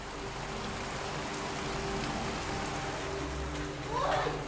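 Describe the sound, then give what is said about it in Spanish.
Steady rain falls without letting up in a continuous, even hiss with no breaks, moderately loud, over a faint low rumble, with a brief murmur near the end. “La lluvia no cesa y cuando el viento arrecia, cada minuto cuenta.”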